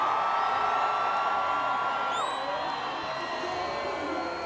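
A crowd applauds and cheers in a steady, dense wash of clapping that holds level throughout, with long high-pitched whistles and whoops sliding above the noise.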